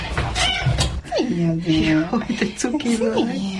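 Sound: cat meowing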